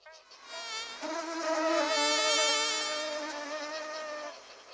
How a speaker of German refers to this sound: Eine langbeinige, rote Riesenschnake.